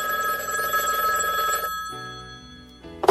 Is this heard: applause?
no